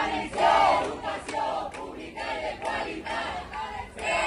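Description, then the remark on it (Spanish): A crowd of protesting teachers in Castellón, greeting the president of the Generalitat, Juan Fampero Llorca, chants slogans such as "Educación pública y de calidad" in unison, loud rhythmic shouted bursts repeating roughly every half second to second, with a dense wash of voices and no single speaker standing out. “No opinan lo mismo los profesores que han recibido esta mañana al presidente de la Generalitat, a Juan Fampero Llorca, en Castellón, con estos gritos.”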